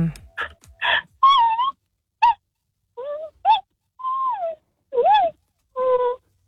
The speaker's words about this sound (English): It's a panda. A what? Panda! Oh, come on now. Yeah. I didn't know pandas made noise.